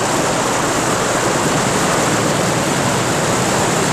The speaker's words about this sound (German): Sie waren in einen Wasserfall geraten, der tief, tief ins Erdinnere hinunterstürzte.